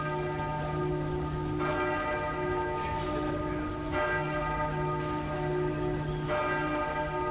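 A large bell tolls three times at steady intervals, each deep, resonant strike ringing out and slowly fading, with a soft hiss like rain in the background.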